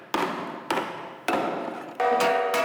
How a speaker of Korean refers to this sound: 망치질을 해가면서 이제 그 떨림을 조정해. 방짜 유기 중에서 그 옛 전통에 제일 잘 보존되어 있는 그 제조 방법으로 따지면 징행하고 꽹과리가 옛날 방식에 제일 근접해서 만들고 있는 거예요.